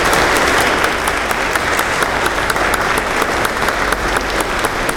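A crowd applauds steadily for the full five seconds, a dense, loud wash of many hands clapping with no voices rising above it.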